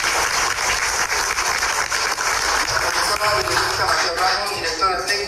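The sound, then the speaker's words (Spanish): Loud, steady audience applause for introduced preschool education staff and directors, a dense crackle of many hands clapping with a faint voice rising near the end. “Fuerte los aplausos.”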